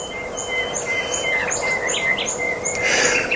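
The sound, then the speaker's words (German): Repeated high, thin bird chirps and short whistled calls ring out over a steady outdoor background hiss, several birds calling with no talking, at the start of a 24-hour session of listening to and watching birds. “Das ist der Start für 24 Stunden Vögel hören und gucken.”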